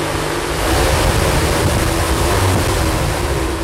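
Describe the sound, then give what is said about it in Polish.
Strong wind roars steadily from a hurricane simulator that is operated by pressing a pedal like a gas pedal, a loud, dense rushing noise with a low rumble underneath, filling the whole moment without any voices. “Te huraganowe wiatry, które też tam ostatnio nawiedziły Polskę, to były wiatry przekraczające 100 km na godzinę.”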